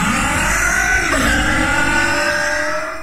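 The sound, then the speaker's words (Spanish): A loud car engine revs steadily for about three seconds, its pitch climbing and shifting partway through before easing slightly at the end, with no voices. “Tu auto suene así, limpia inyectores de Bardal.”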